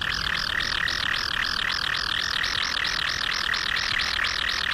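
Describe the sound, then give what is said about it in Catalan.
A common kingfisher (Alcedo atthis) calls in a fast, steady series of shrill, high-pitched whistled notes, about four per second, loud and continuous over a soft hiss, with no voices. “Blauet, Alcedo atis. Un dels ocells més espectaculars que viu al riu.”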